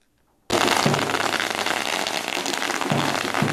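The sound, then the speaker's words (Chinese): A long string of firecrackers goes off in a dense, continuous crackle starting abruptly after a brief silence, loud, with rapid pops merging into a steady roar, as the Pumen High School baseball team walks into its campus, welcomed by students, after finishing national runners-up at the Yushan Cup. “鞭炮声不断，球员整齐走进校园，两旁学生热烈迎接。”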